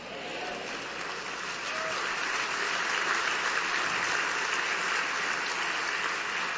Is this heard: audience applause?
yes